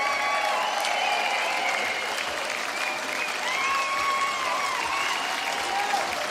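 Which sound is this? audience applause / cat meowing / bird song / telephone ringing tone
audience applause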